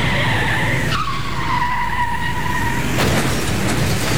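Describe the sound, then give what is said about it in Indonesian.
A car's tires squeal in a long, loud skid with a shifting whine, broken by a sharp jolt, then a burst of harsh noise near the end like a collision. No one speaks. “Hancur mobil saya.”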